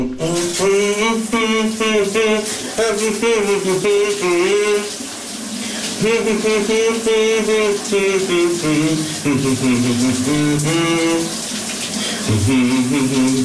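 A shower sprays with a steady hiss while a man sings a wavering melody over it, pausing briefly midway before carrying on loudly to the end.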